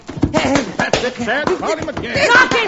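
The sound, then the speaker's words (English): A few sharp smacking blows, like punches landing in a fistfight, strike at irregular moments while people talk loudly and excitedly over the scuffle. “Knock his teeth out.”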